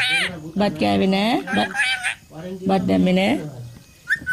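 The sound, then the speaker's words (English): Chutti, a pet parrot, demands rice from her perch on a balcony in Dumbagula village, Sri Lanka, calling out in two loud bursts of warbling, voice-like squawks with wavering pitch, followed by a short high chirp near the end. “Chutti the parrot demands rice from her perch on a balcony in Dumbagula village.”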